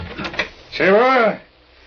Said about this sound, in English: And then I'd barely gotten upstairs when I heard the front door open.